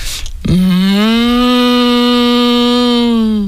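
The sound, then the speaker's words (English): A person imitates cows lowing as they chat amongst themselves in a sunny field, with one long, steady, droning call held for about three seconds, loud, after a brief rustle at the start. “I think I do a good cow.”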